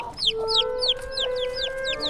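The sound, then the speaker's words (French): Chicken clucking: a quick, steady run of about eight high, downward-sliding chirps, fairly loud, over a constant low hum with no talking. “Et du vieux neuf avait fini par sortir un petit poussin.”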